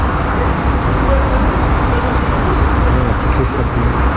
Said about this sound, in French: Et alors, le frottement sur le bitume, ça fait des variations là, de fréquence. Ça, c'est intéressant. Ça, quand ça s'éloigne.